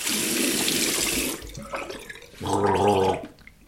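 A tap runs with a steady, hissing rush for about a second and a half as someone finishes brushing their teeth, then cuts off, leaving small clatters and a short, buzzing tonal gurgle near the end.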